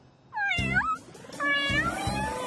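Two cats meow in overlapping, wavering high-pitched cries, one rising and falling then another drawn-out yowl, fairly loud with no talking.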